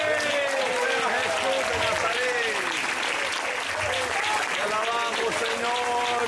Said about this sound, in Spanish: alábelo, párese y alábelo, alábelo, iglesia, fuerte ese aplauso que se oiga.